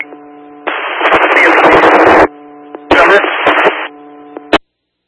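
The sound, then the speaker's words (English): Harsh bursts of loud radio static crackle over a steady hum, two long hissing blasts broken by sharp clicks, ending in a final snap and sudden silence. “I'm sorry, you're coming in heavy static.”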